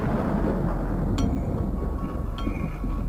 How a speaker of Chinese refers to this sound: 原本计划4月7日19:30要发射的亚洲一号，到了20点，雷雨一直没有停止的迹象。